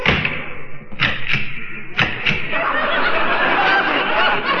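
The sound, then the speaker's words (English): A door thuds shut, then a quick series of sharp clacks follows in pairs as several bolts are slid across the door, fairly loud over a dense background rumble. “Why have you got all those bolts on the door?”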